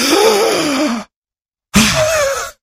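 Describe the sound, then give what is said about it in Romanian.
A voice imitates the labored breathing of a crucified man pushing up on his nailed feet for each breath: two loud, strained gasping breaths, each about a second long with a tense rasping tone, separated by a brief silence. No words are spoken. “Și pentru fiecare respirație, crucificatul se împingea în picioarele pironite și făcea așa.”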